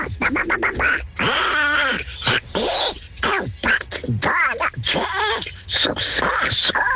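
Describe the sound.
A person does a raspy, nasal duck-like voice imitating Donald Duck, a rapid string of quacking, garbled bursts, loud and continuous for several seconds with brief pauses.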